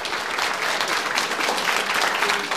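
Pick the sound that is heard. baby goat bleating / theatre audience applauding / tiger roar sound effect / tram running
theatre audience applauding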